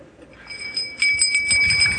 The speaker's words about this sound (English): Can I get my bell? I got a bell. It's not as fancy as the Navy SEALs, but it's a bell.